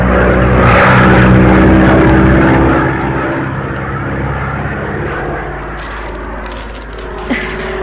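A small propeller plane's engine drones steadily in flight, a loud, continuous low hum with a buzzing whine that eases slightly partway through, with no voices present.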